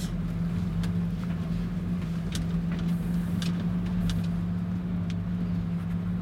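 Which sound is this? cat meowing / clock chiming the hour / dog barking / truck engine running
truck engine running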